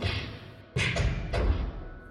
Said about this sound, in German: Hinter einer der Türen erklangen eigenartige Geräusche. Es klang fast wie Faustschläge.